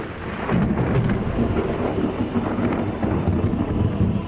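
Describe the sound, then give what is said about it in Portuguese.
A deep, continuous rumble of thunder rolls on over steady rain hiss, loud, holding its level for several seconds with no voices. “Você tem medo de trovão.”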